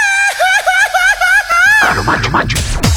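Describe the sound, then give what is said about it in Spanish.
A loud Mexican grito from Comitán de Domínguez, Chiapas, Mexico: a high, warbling yell that trills rhythmically for nearly two seconds, then breaks into a rapid series of cackling, laugh-like whoops. “¿Cómo se grita ya en Comitán de Domínguez, Chiapas?”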